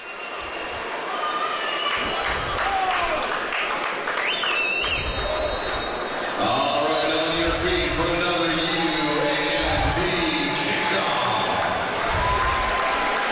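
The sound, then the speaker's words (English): A large stadium crowd at a football game roars and cheers in a steady, loud wash of noise as Kenton Loffman kicks off to Felix Matos and the LIU Sharks. The noise swells slightly midway, with a man's voice speaking over the din in the second half. “Crowd goes to its feet as Loffman boots this ball to Felix Matos.”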